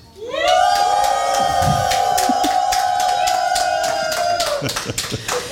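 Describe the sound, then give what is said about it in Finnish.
A large crowd cheers and shouts loudly for Dimitri, voices merging into one long sustained whoop that holds for several seconds, with brisk rhythmic clapping running underneath before the yelling breaks off. “Hei, huutakaapa sieltä kaikki Dimitrille nyt isosti.”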